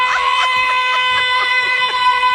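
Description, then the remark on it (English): A rock singer's loud, high-pitched sustained scream held at a steady pitch for a couple of seconds, strained and piercing, with rough bursts underneath and no talking. “Yeah, pretty much just listening to him scream.”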